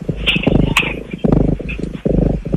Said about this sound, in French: Ça vous dit quelque chose, ça, ou pas? Un chat qui ronronne. Voilà, c'est ça, la ronron thérapie.